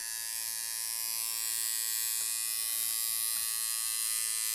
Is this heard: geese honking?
no